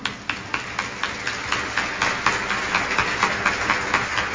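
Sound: applause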